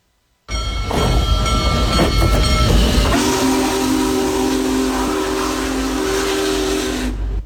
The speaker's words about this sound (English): Many people enjoyed the Union Pacific Big Boy Tour featuring America's most powerful steam locomotive as it traveled through Hancock County and other counties on Saturday as part of its coast-to-coast tour to celebrate America 250.